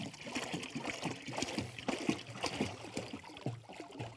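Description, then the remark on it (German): Water splashes and gurgles steadily as a container is filled outdoors with water for goats on a pasture, with a continuous sloshing trickle and small knocks and clatters mixed in. “Je nach Lage der Wiese muss er sie auch mit Wasser versorgen.”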